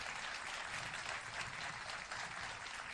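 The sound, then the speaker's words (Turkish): Steady, dense applause from the audience of a Yıldız NTV Türkü programme, many hands clapping together in a continuous wash of sound that holds at an even, fairly loud level throughout. “Bir alkış daha alalım mı lütfen?”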